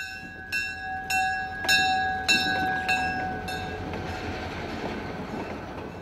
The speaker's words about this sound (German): Dreimal täglich dreht eine Diesellok mit mehreren Personenwagen ihre Runde im Gelände.